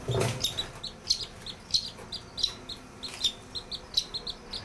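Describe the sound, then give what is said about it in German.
Young birds and a duck, likely a Mandarin duck, chirping, a steady stream of short, high peeps repeating every fraction of a second, fairly quiet with no talking over them. “So, guck mal, hier ist noch ein anderer und eine Ente.”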